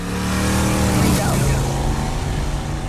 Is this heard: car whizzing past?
yes